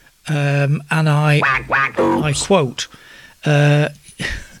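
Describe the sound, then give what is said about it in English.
A voice imitates a plastic duck with a run of loud, buzzy, nasal quacks in several bursts: two long ones, a quick jabbering cluster, then a final drawn-out quack. “And Paul the Plastic Duck says,”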